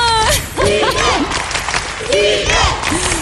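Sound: audience applause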